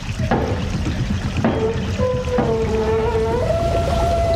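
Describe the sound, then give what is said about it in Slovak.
Steady, loud rushing of water from a watermill's mill race pours through a sluice gate raised by turning a wheel, with a few sharp knocks and drawn-out metallic squeals rising over the flow. No one speaks. “Hej, sused, potočte tým kolesom. Zdvihnite stavidlo.”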